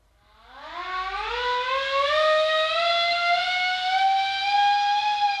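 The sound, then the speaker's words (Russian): A ship's siren summoning the crew to a rally winds up from a low growl to a loud, steady wail, holding its rising tone for several seconds with no voices around it. “сирена на митинг.”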